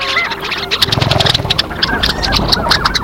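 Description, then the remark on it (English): A chorus of long-tailed ducks calling in the Arctic wetlands around Teshekpuk Lake, with rapid, repeated nasal yodeling notes overlapping in quick bursts, fairly loud and busy over a steady background wash, with no talking. “their vocalizations reflect the urgency of the season. And it's not just the long-tailed ducks.”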